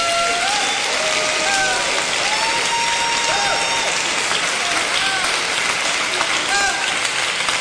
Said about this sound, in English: We give Him praise. Come on and clap your hands and bless Him.